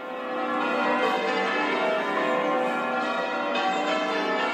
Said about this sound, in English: The bells of St Mary's Cathedral, ringing for the installation of the new Bishop of Edinburgh, the Right Reverend Dagmar Winter.